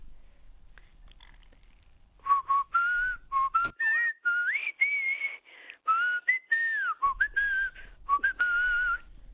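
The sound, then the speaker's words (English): A lively whistled tune with a clear, bright tone, its melody hopping between high and mid pitches in short phrases and a few sliding notes, with no talking, whistled by someone in Rockhampton. “could you leave us with another little ditty?”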